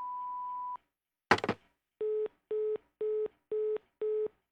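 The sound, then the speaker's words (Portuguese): A steady, high voicemail beep holds for under a second, followed by a sharp clunk and then a loud, evenly pulsing lower busy-signal tone repeating six times. “Oi, eu não posso atender agora, mas deixa o seu recado depois do bip.”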